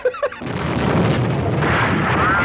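A couple of short, high tonal blips give way to a loud, sustained roar of spaceship cannons firing at a monster from all sides, with explosions, a dense rumbling barrage that swells and churns without pause.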